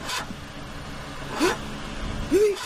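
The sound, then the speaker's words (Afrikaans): A toy car, the Barbara mobile, which runs on batteries rather than petrol, sputters in a few uneven, coughing bursts, struggling and dying down to a stop, moderately loud with no talking. “Hey, wat is fout met jou kar? Is die petrol op?”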